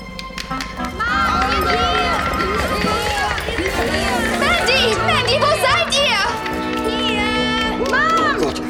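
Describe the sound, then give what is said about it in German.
A crowd of children shrieking, shouting and yelling all at once, making as much noise as they can, a loud, chaotic din of high-pitched voices that keeps going without pause, along with some running footsteps. “Jetzt aber los, Kinder, ihr macht jetzt so viel Lärm, wie ihr nur könnt.”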